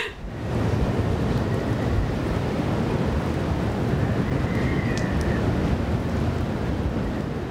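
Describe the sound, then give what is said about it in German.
A fierce storm from the northwest with hurricane-force gusts roars steadily, howling wind mixed with crashing surf in a dense, loud, unbroken wash of noise that barely eases throughout, with no voices. “Der Sturm aus Nordwest erreicht in Böen Orkanstärke.”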